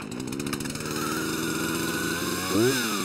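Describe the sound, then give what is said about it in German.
A loud, steady tractor engine drone with dense harmonics runs throughout, joined by a revving, whining chainsaw motor that rises sharply near the end. No voices. “Hören können sie sich bei laufendem Trecker plus Säge jedenfalls nicht.”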